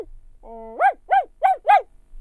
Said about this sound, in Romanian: Se auzi glasul cățelului răsunător departe în pădure.